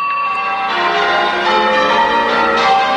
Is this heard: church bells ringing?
yes